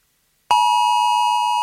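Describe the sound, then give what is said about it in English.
A loud, steady electronic emergency alert alarm tone on a mobile phone, lasting about 10 seconds, starts abruptly after a brief silence and holds without a break, a harsh sustained beep with no voices. “It's going to be about a 10-second alarm. And if you want to know what it sounds like, hang on, I've got it right here for you.”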